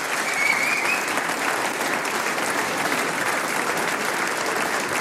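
Sustained audience applause welcoming a performer onto the stage at a band's 40th anniversary celebration fills the whole stretch, a dense, steady patter of many hands clapping at even loudness with no talking over it.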